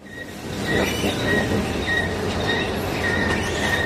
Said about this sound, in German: Sie quietscht, aber sie funktioniert. Die Rolltreppe in den 2. Stock.